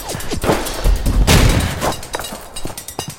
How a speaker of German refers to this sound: Ich stehe unter Beschuss.